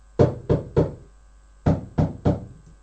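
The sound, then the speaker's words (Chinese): Two sets of three firm knocks on a door, evenly spaced, with a short pause between the groups; each rap is loud and sharp with a low, hollow thud. No one speaks. “哦，原来是宝贝猪在敲门。”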